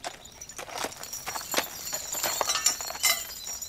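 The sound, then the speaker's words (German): Horse hooves clip-clop in a steady, uneven rhythm of sharp knocks, with a continuous high hiss and rattle underneath and no talking. “So ist bei den Pferden eigentlich auch.”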